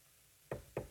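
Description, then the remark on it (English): Two firm knocks on a door, evenly spaced about a quarter second apart, fairly loud against a quiet background, with no voices. “There's a knock on my door.”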